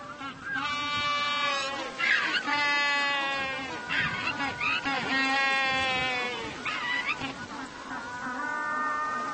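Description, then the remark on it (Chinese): A penguin at its newly built burrow nest brays loudly in a string of harsh, nasal, strongly harmonic calls, each a rising-and-falling burst, repeating in rapid succession for several seconds with short breaks. “大声宣布洞朝建好了，欢迎异性参观。”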